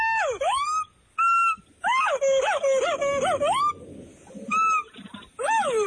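A howler monkey calling in a run of loud, wailing hoots that swoop down and back up in pitch, with wavering calls in the middle and short pauses between bursts.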